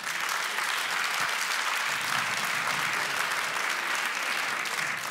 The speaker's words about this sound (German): Wer hatte schon mal Liebeskummer? Bitte einmal Applaus für Liebeskummer.